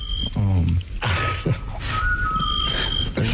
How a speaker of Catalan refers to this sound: Un altre so. Això em consta que és un xot, que seria un mussol, no?